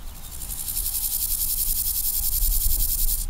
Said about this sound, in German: Die Heuschrecken teilen sich den ehemaligen Taxiway als Lebensraum mit einer weiteren Tierart, die für ihr kollektives Verhalten bekannt ist.